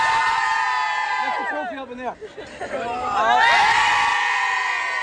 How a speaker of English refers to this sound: So the Carlow players are just getting set up for their photograph here. So we'll talk to some of those players after this photograph is taken. Okay, everyone in. A big cheer. Hands up.